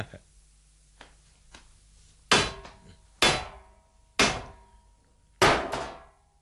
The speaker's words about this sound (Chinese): 呢度有嚿石头，同佢执起佢嚟敲门先。